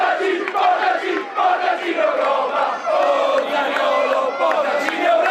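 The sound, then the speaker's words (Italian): A large stadium crowd of football fans chants in unison, acclaiming the club owner and a player, a dense roar of many voices rising and falling in rhythmic waves, loud and continuous throughout. “Il più acclamato dai tifosi dopo il patron è ovviamente Niccolò Zaniolo”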